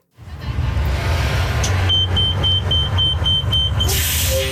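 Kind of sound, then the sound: ambience, street traffic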